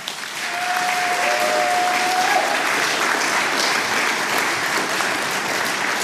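A crowd breaks into steady, loud applause for a group of people, holding for several seconds, a dense wash of clapping with a brief high whistle-like tone early on.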